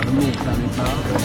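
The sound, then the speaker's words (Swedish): A rowing boat moving through water in the Västervik archipelago, with oars dipping and splashing in a loose, repeating rhythm of soft watery bursts over a steady low rumble. “Det plaskas. Och det är ros.”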